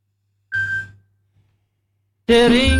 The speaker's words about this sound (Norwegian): Det ringer, hør, hvem kan det være? Hallo?